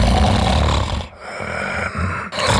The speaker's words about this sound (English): Sound familiar? Don't ignore the snore. Snoring and tiredness could be a sign of sleep apnea.